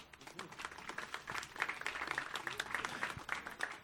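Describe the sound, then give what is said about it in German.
An audience applauds steadily for a few seconds, a dense crackle of many hands clapping at an even, moderate level with no clear pause. “Ich denke, das ist auch schon mal wieder ein Applaus wert.”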